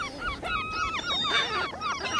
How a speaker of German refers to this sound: Danke an alle Möwen.